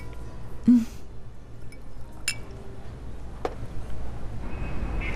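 Glasses clink together in a toast, a few sharp separate chimes spread out over several seconds against a quiet, low room murmur.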